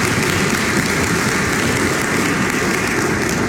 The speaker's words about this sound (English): Let us give the Lord a hand clap of praise this morning.